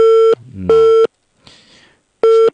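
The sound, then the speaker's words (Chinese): A telephone busy signal on a caller's line to a radio call-in show: three loud, steady mid-pitched beeps separated by pauses, with a low murmur of indistinct sound filling the gaps between them. “导播老师，你把这个线转一下，他这个线是不是有问题？”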